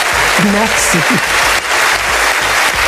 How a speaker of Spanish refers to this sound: Larga y sin duda merecida ovación para ….